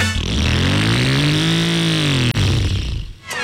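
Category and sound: vehicle, motorcycle engine revving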